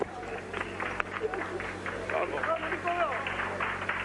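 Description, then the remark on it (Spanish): A small group claps and cheers in the pit box of the Prestige Auto motor-racing team during a celebration, with steady scattered applause and excited voices calling out, all over a low mechanical hum. “Creo que este aplauso lo dice todo,”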